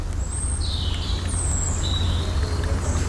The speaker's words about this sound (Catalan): Si pare prou l'orella, escolte un xicotet rierol que serpenteja en la part més fonda d'este barranc selvàtic. És, sens dubte, un indret abandonat per l'home i recuperat per la natura que hi regna.